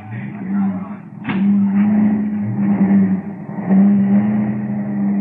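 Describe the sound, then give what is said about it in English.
Car engines drone steadily as vehicles pull away, a low, continuous motor hum with a sharp clunk early on and surges in the rumble, staying fairly loud throughout. “We've wasted enough time around here. We're pulling out right now.”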